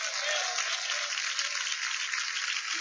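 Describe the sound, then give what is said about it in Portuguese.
A church audience applauding steadily to welcome a pastor, a dense, continuous wash of many hands clapping at an even level with no voices standing out. “Glória a Deus, mas estas palmas podem ser mais bonitas, mais alegres, mais vivas.”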